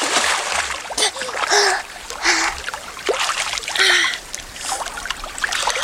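Water splashes in a series of irregular bursts, about six of them, with steady trickling and dribbling filling the gaps between the louder sloshes.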